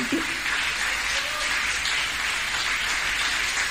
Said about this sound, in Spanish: ¡Denle un aplauso a la gloria de Dios!